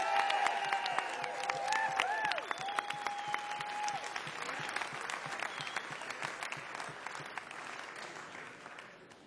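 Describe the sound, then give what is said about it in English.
A large audience applauds steadily for several seconds, dense clapping with shrill whistles and a few cheers rising over it early on, then the clapping continues evenly at a fairly loud level. “round of applause one more time”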